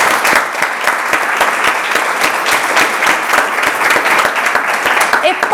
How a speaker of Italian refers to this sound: ti facciamo un applauso. Grazie.